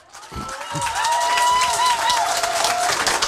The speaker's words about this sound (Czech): Přivítejme prosíme za potlesku